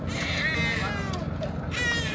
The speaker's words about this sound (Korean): 구조대의 손길에 다시금 세상 빛을 보게 된 생후 9개월 아기의 울음소리가 선명합니다.